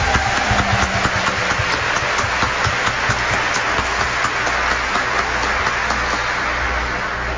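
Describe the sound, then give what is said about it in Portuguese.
A crowd at a feast of Our Mother of Perpetual Help applauds steadily for several seconds to welcome a pilgrimage group of 42 people from Coronel Fabriciano. The applause is a dense wash of many hands clapping at once, fairly loud and continuous with a low hum underneath. “Peço que levantem a mão para receber a nossa salva de palmas.”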